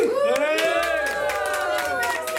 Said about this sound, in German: Und jetzt dürft ihr mal alle ganz, ganz laut sein und ihm gratulieren, indem ihr jubelt. Passt, machen wir auf 1, 2, 3.